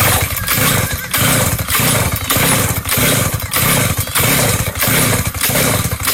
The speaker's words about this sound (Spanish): échele gasolina a esa motosierra para que prenda